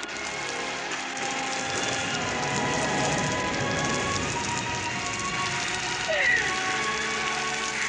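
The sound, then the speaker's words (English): Steady rain patters on a hard surface, a dense, continuous wash of drops, with faint tonal sounds drifting in the background and a brief brighter chirp near the end. “It's raining.”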